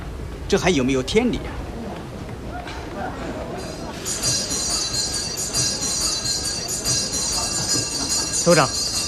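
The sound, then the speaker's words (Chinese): A train idles at a station before departure: steady low rumble with a persistent high hiss, brief whistle-like tones near the start and end, and indistinct voices murmuring. “政委， 就要开车了。”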